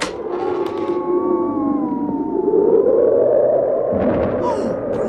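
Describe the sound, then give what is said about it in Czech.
A snowstorm's wind howls steadily for about five seconds, a loud whistling moan that wavers and slides in pitch over a constant rushing roar, with no voices. “Ale pane, to je fujavice.”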